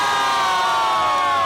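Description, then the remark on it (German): A crowd at a public viewing on Bahnhofsallee in Lüdenscheid erupts in loud, sustained cheering and shouting, a dense wall of many voices celebrating Germany's first goal in the 6th minute, with no pause for the whole moment. “Und in der 6. Minute fällt das erste Tor für Deutschland und die Stimmung taut auf.”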